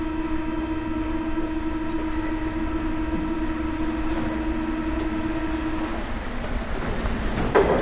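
A metro train runs steadily, with a constant low rumble and a sustained mechanical whine, and a brief clatter near the end. No one speaks.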